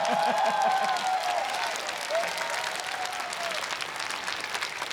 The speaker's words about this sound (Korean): 생각보단 박수가 많이 서운하게 나오네요.